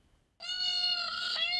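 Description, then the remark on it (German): A peacock lure call played from a phone in Bochum-Günnichfeld while searching for four peacocks: one loud, drawn-out wailing cry with a rich, steady tone that starts abruptly after a short silence and holds for over a second. “Lockruf per Handy.”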